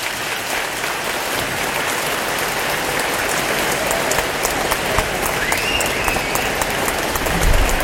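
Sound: studio audience applause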